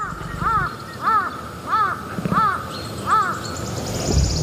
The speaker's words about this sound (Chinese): 乌鸦的叫声很可能会惊动食腐动物。